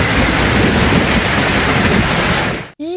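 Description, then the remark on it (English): Steady, dense rain patters on a hard surface, loud, with a low rumble underneath; it cuts off abruptly near the end, followed by a short burst of a different sound. “The sound of rain falling.”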